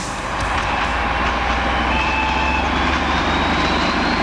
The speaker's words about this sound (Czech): Vláček. No jo, Brejlovec, prosím vás. Nevím, jestli jede z Lužné, ale tam se myslím za chvíli podívám.